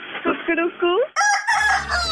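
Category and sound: animal, rooster crowing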